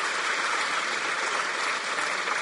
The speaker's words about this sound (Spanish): Vengan, no tengan pena, démosles un aplauso. Vengan aquí, vengan, vengan aquí, aquí. Ahí enfrente, ahí, ahí parece. Va, otro aplauso para que se terminen de animar.